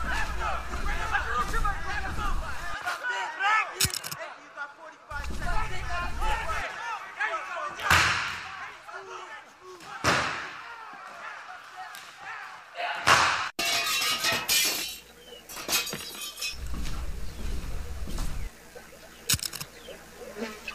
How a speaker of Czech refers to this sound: jsme u restaurace, bojíme se dovnitř, nějaká strašná rvačka, je nás tady hrozně málo, žádám o posily.